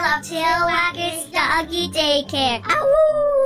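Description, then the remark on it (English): A dog gives a run of quick, pitchy barks and yelps, fairly loud, ending in a drawn-out howl that slides downward. “Looking rough, pup?”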